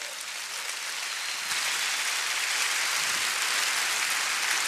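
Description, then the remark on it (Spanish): A church audience applauds Jesus during a sermon, a dense wash of many hands clapping that swells slightly louder after the first second and holds evenly, with no voices over it. “Denle un aplauso a Jesús que no pecó.”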